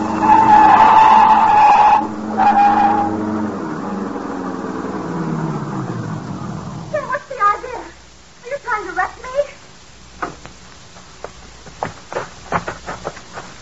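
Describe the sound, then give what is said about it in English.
Tires screech loudly as a car skids, its engine groaning and winding down, then a burst of crunching thuds and bumps as it is run off the road into a ditch, followed by scattered rattles and clicks. “Now, run her off in the ditch.”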